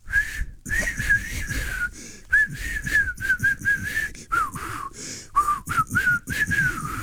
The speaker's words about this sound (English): You can whistle it better than me.